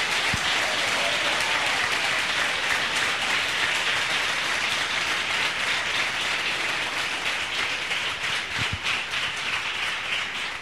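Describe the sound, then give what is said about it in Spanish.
A large crowd of Salvadorans in the city of Santa Ana, El Salvador, applauds steadily for about ten seconds, a dense, even wash of many hands clapping at full volume without pause, with no talking over it. “Un fuerte aplauso de los salvadoreños.”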